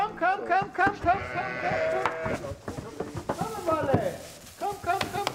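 Several pregnant sheep, just transported 50 kilometres from Palmsin to Fidschio and about to enter their new freshly bedded stable, bleat over and over, their wavering, nasal calls overlapping almost continuously, with a few soft knocks and shuffling noises mixed in.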